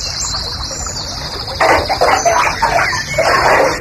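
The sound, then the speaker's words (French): Continuous gurgling, splashing water of a bathtub being emptied, growing louder and busier partway through, with thin high bird chirps faintly running over it. No one speaks. “Ah, tu vides ta baignoire là?”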